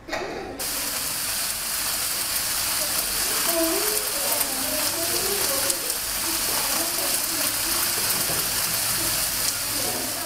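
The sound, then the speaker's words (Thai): Steady rain pours down, a dense crackling hiss that starts abruptly and stays loud and even throughout, with a patter of countless drops. “เสียงนี้คือเสียงอะไรคะเสียงฝนตกเสียงฝนตกคุณลักษณะของเสียงคือเป็นยังไงคะช่วยกันตอบเลยไปทางด้วยนะคะเสียงเป็นไงคะเสียงยาวใช่หรือไม่เสียงยาวและเสียงดังด้วยใช่ไหมคะ”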